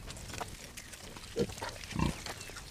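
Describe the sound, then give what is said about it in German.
Pigs of old, endangered breeds that live outdoors all year round grunt in short, low bursts, two louder ones standing out over a steady open-air background, with scattered snuffling noises in between. No talking. “Sie haben sich für diese alten Rassen entschieden, weil die Schweine ganzjährig draußen leben können.”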